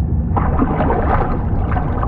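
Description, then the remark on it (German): A submarine with its headlights off surges up through the water surface at night, a loud, steady rush of churning and gurgling water lasting a couple of seconds, continuous with no voices. “Mit erloschenen Scheinwerfern durchstieß das U-Boot die Wasseroberfläche.”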